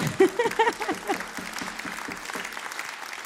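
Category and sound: crowd, audience clapping along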